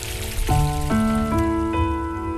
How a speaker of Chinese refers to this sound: 伴随着潺潺的流水声，我们继续来看一看古人究竟都还爱用什么样的水来泡茶呢？